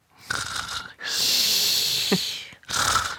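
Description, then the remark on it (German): A person mimics with their voice how their sister used to snore when they were small and shared a bedroom, making three raspy breaths: a short inhale, a long drawn-out snore in the middle, then another short one. “Also, ich mach mal nach, wie sie geschnarcht hat früher, als wir klein waren und zusammen in einem Zimmer geschlafen haben.”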